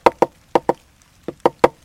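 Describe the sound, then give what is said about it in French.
A woodpecker knocking on a dry tree to make a hole and find ants is imitated with seven sharp, hollow knocks in uneven bursts, pairs then a quick triplet, fairly loud with silence between and no talking. “Puis le picatard, le pivert, il cogne dans un arbre sec pour faire un trou pour trouver des fourmis.”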